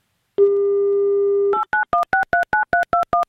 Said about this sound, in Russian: Итак, набираем номер телефона.